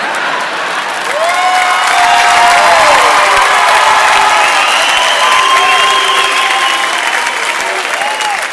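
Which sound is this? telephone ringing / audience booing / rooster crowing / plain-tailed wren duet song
audience booing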